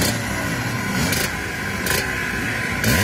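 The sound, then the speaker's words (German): Loud, continuous engine roar from historic racing motorcycles at the Vintage Trophy race in Zschopau, Erzgebirge, with rising revving sweeps and sharp bursts of higher-pitched whine breaking through; no speech. “Und schon seit Tagen sind die Maschinen dort zu sehen und vor allem sind sie auch zu hören.”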